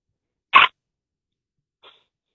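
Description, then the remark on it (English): A 10-year-old girl on a phone call imitates a crow falling down a well: one short, harsh, raspy caw-like burst, then a much fainter, brief trailing squawk after a pause of over a second. “can you please give me a crow that falls down a well?”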